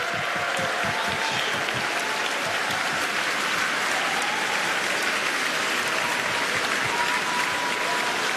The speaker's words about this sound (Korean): 네, 다시 한번 멋진 무대를 보여준, 감동적인 무대를 보여준 우리 어린이 합창단에게 큰 박수 보내주시기 바랍니다. 네, 기립박수가 이어지고 있습니다.